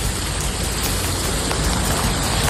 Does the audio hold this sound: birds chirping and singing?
no